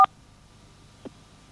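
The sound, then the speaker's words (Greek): A single short telephone keypad beep sounds right at the start, clear, followed a second later by a faint, brief blip over quiet line hiss, as a caller presses keys on a phone during a call. No one speaks. “Κάνε με το τηλέφωνο λίγο το κουμάντο, γιατί το πατάς και δεν ακούγεται.”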